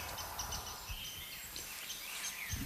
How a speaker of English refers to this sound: Oh, there's a rose-breasted grosbeak singing. Well, that is excellent. That's a bird that we mostly get as a migrant. You hear that? That beautiful, sweet song. That is beautiful. It's sort of been described as like if a robin took singing lessons.